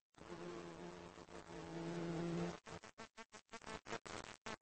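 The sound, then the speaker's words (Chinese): A bumblebee buzzes steadily in a low droning hum as it flies back to its nest carrying larvae, then the sound breaks into a rapid series of short, choppy buzzing bursts as it moves about. “他带着游园精幼虫飞回了蜂巢。”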